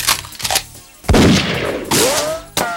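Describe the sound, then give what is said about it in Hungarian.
A burst of loud gunshot effects: about five sharp, booming cracks fired at irregular intervals, each trailing off into a rumbling decay, with a whining, ricochet-like tone near the end. “Sőt, még ahogy szokták volt mondani mondjuk a vadászatok során, figyelj, mert adott esetben még lehet le is lövöm. Na? Lelövöm? Nem lövöm?”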